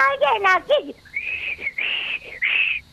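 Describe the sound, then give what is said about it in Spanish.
A voice imitates a feeble, breathy whistle, as if too cold and numb to manage it: a short spoken-like sound, then three wavering high whistle tones in a row, thin, as if trying but barely managing to whistle. “Se supone que es un silbido, ¿no?”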